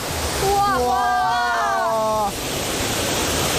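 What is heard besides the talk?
waterfall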